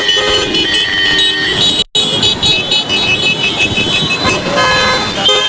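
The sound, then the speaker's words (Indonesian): Several car horns honk over and over amid dense road traffic, sustained tones overlapping in a loud, chaotic jam, with a brief cut of silence partway through. “Kebayang nggak sih kalau tidak ada lampu lalu lintas bakal terjadi seperti ini, gaduh dan macet.”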